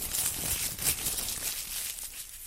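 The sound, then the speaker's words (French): Continuous crinkling and rustling of paper as a small slip is drawn by lot, handled and pulled out with bright crackly texture that swells briefly and then softens, with no voices. “Allez, on va commencer par tirer un petit papier au sort tout de suite.”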